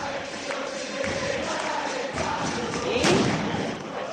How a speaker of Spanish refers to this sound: Sí, es un petardo. Es un petardo lindo, bueno.